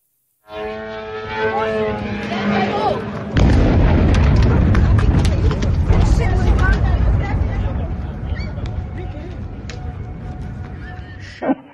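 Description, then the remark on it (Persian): After a few seconds of raised voices, a sudden heavy explosion from a missile and drone strike on the UAE erupts into a loud, sustained roar of rumbling and crackling debris that slowly fades, with voices still faintly audible beneath. “از حملات موشکی و پهپادی گرفته تا شلیک نمادین مجری تلویزیون دولتی به پرچم این کشور در برنامه زنده.”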